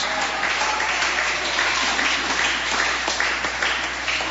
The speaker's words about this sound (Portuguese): Palmas que glorifique a Jesus.